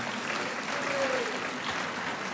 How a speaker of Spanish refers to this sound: Dele aplausos al Señor. Amén. Amén.